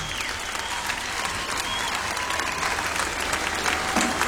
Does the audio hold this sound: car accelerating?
no